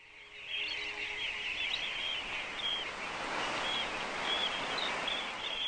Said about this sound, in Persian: همساله طوفان‌ها و امواج با هم یکجا شده و حوض‌های کوچک و بزرگ را به وجود می‌آورند. تعداد زیادی از پرندگان از مواد غذایی موجود در این آب‌ها لذت می‌برند.